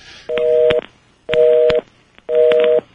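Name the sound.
telephone dialing tones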